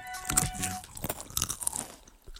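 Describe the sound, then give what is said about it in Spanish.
Crisp, crackly crunching of Sol snack chips with black sauce being bitten and chewed, a run of irregular sharp bursts with no talking over them. “Están buenísimas las de salsas negras. Bueno, botana con sol.”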